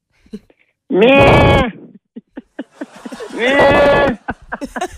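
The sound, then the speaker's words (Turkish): A person imitates the bleat of a lamb that misses its mother, two loud, wavering, drawn-out cries about a second each, separated by quiet clicks and murmurs. “Mesela annesini çok özlemiş kuzu.”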